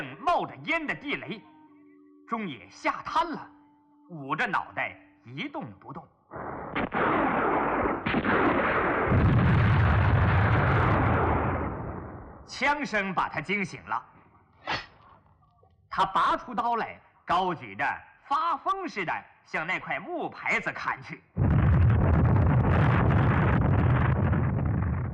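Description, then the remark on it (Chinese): Loud gunfire and explosions erupt in two sustained, roaring bursts, one midway and one at the end, between stretches of a voice speaking. “枪声把他惊醒了”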